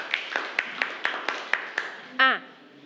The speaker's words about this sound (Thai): เป็นอย่างไรบ้างคะไพเราะมากปรบมือให้กับเพื่อนกลุ่มที่3ด้วยค่ะ